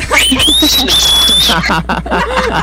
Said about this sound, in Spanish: Va, ahí está. Gracias, hermano, por el silbido.